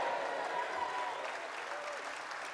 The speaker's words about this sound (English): A room shouting shame because it's so obvious.